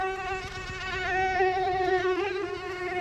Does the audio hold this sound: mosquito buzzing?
yes